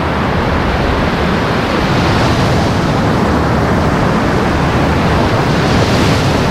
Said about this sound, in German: Wir hören ja auch schon hier das Meer rauschen, die Wellen. Das ist ja einer der schönsten Strände auch hier.